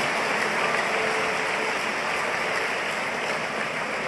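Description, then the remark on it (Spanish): Steady, dense applause from an audience for the Lord, a continuous wash of clapping that holds at an even, loud level for the full four seconds with no voices on top. “Y dele aplausos al Señor que vive en el nombre de Jesús.”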